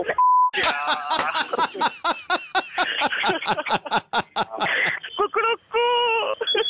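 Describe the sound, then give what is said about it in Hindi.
A short, steady mid-pitched censor bleep covers swearing at the start, followed by loud, rapid, agitated shouting from a man that continues to the end, during a Radio Mirchi 'Mirchi Murga' prank phone call. “Sir मैंने ये भी रिकॉर्ड कर लिया, देखिए सुनिए क्या आया डब हो गए।”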